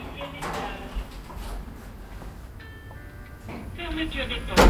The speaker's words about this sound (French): Les portes grincent en se refermant.